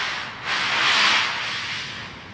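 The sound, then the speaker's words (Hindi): A sled with a person seated on it slides down over snow with a steady, breathy hissing scrape that swells louder within the first second, then settles into an even rush. No voices are heard. “Sledge के फिसलने की गूंज सुनाई पड़ती है।”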